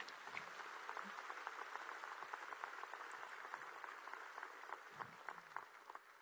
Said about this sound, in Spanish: Gloria a Dios. Puedes dar un aplauso por eso.